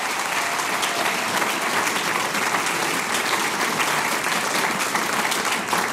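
A crowd applauds steadily, a dense, sustained patter of many hands clapping at an even loudness throughout, with no voices standing out.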